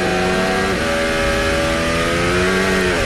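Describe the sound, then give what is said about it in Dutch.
A racing car engine revs loudly and steadily, its pitch holding high with slight rises and dips as it climbs through the revs, continuous for the whole stretch, as the driver fights the car through oversteer. “Hij is het vechten met die auto, hoor.”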